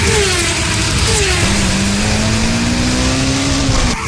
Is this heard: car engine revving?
yes